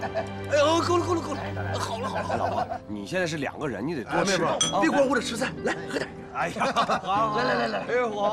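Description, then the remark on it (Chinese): Several glasses of liquor clink together in a toast at a family dinner, a bright cluster of chimes amid overlapping cheerful voices and light chuckling around a lively table. “来， 干杯！ 干杯！ 干杯！”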